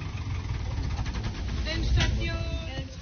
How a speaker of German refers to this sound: Die Fahrt mit dem Traktor durch Laubenzedel, sie endet wieder am Ferienhof.